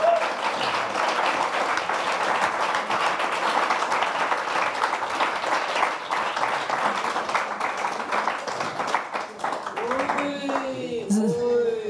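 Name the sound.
applause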